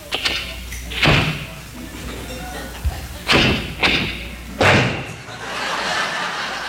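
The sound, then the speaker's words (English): A car door creaks open and is pushed shut with several heavy thuds, followed by a low rumbling hiss of background noise. “Then they open the door real carefully.”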